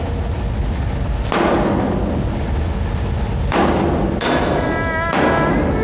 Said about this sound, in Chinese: 你砸什么发电机啊？你有气朝我撒，你砸发电机不是个男人。 那是德国发电机，这可惜了了，这是。